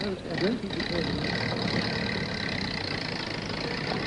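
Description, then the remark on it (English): A car engine cranks steadily without catching, a continuous mechanical churn that stays loud throughout, with a brief voice sounding faintly near the start. “It won't start. Can you do something? Maybe it's a carburetor, sir.”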